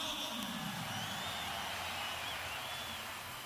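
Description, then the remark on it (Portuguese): A stadium crowd of Grêmio supporters applauds as the team is announced and the Argentine player Pavon, number 7, is named. The clapping and cheering is a dense, steady wash that holds at an even level throughout, with faint whistles threading above the roar. “Antes vaiado, agora muito aplaudido, o argentino.”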